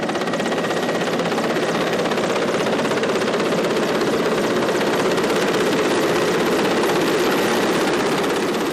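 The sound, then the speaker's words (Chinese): A helicopter flies in at five in the afternoon, arriving over the core area with ropes and a hanging basket beneath it; its loud rotor throbs in a fast steady chop under a dense engine roar that holds constant throughout, with no voices. “下午五点，直升机再次飞抵核心区。”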